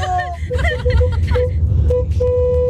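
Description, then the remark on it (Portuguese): Car horns honk over a deep engine rumble, first in wavering overlapping blasts, then in steady sustained tones toward the end. Voices can be heard mixed in with the honking. “Beleza, buzinou legal.”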